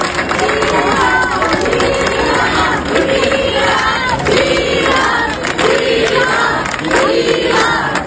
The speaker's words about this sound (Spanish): Y también aplausos a Juan José Vivas, presidente de Ceuta.